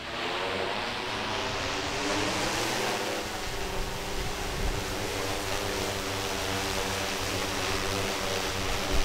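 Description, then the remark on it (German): A steady buzzing whine of a small camera drone's propellers in flight, with layered motor tones that shift slightly in pitch over a constant airy hiss. No one speaks. “dass der weiß, dass heute eine Drohne im Einsatz ist”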